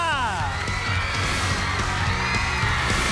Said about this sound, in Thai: ขอเสียงปรบมือต้อนรับน้องๆทั้ง2ทีมนะครับจากมอวิทยานุสรณ์และมหาวชิราวุธสงขลา